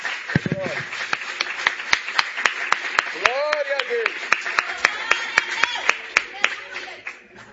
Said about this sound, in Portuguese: Pode tomar o teu assento, desocupa as suas mãos por gentileza e vamos saudar a Jesus com as melhores palmas que nós temos nessa noite.